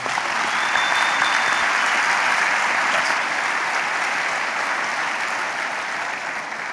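Sustained applause from an audience, a dense steady clatter of many hands clapping at a constant loud level for several seconds, with no voices standing out.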